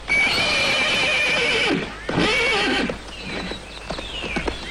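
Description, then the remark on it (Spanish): A horse whinnies loudly in two long, shaky neighs, followed by softer snorts and faint hoof clops toward the end. “Y ya no sigue insultando a mi caballo.”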